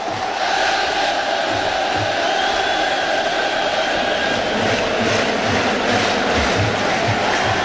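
A loud, sustained roar of a baseball stadium crowd cheering during a Rangers vs. Red Sox game in the 9th inning, a dense wash of voices holding steady throughout with rhythmic low thumps pulsing underneath, no single voice standing out.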